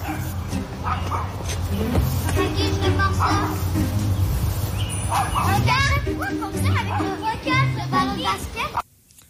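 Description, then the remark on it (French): A neighbour's small dog yaps and barks over and over without pause, all day long, sharp, amid a busy background of children's voices and chatter that continues until an abrupt cutoff. “Qu'un chien qui jappe sans arrêt, mais sans arrêt de chez sans arrêt, là.”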